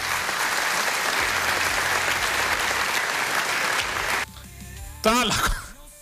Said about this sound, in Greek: Τα άλλα κοπάδια χειροκροτούν από κάτω.